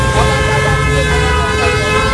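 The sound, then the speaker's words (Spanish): A dense chorus of car horns blares continuously, overlapping tones honking together over the low rumble of idling engines in a traffic jam in the United States during the 2017 solar eclipse. “Esto suena a colapso total de tráfico.”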